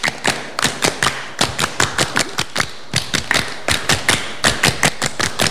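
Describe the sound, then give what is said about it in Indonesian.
A group performs the Pramuka scout clap twice, sharp hand claps bunched into quick clusters with short pauses between, repeating steadily for several seconds with no talking. “Dua kali tepuk pramuka.”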